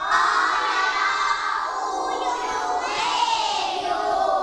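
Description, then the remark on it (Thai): A class of children in a classroom chant together loudly and steadily in unison, spelling out a Thai word aloud to help a classmate at the teacher's request, a dense crowd of young voices filling the room for several seconds. “ตอนนี้มีเพื่อนสะกดเพียงแค่หนึ่งคนเท่านั้นเด็กๆในห้องช่วยเพื่อนสะกดคำว่าอยู่หน่อยค่ะหนึ่งสองสาม”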